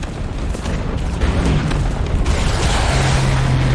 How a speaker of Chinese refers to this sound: 面对部下的询问，他当机立断，立刻下令炮击德军。2点20分，苏军动手了。在德军阵地上，重炮轰击声、爆炸声此起彼伏，震耳欲聋。